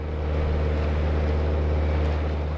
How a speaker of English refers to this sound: A boat full of budding ecologists weaves through wetlands. The group, armed with binoculars, bird books and cameras, scour their surrounds, passing elephants, hippos, water birds and the odd crocodile.